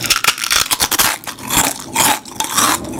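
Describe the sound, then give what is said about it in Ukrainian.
Loud crunching of Lay's potato chips: a dense run of crisp, irregular crackles and snaps over about three seconds, with no voices. “Новий дизайн, той самий смак, хрумкі чипсини”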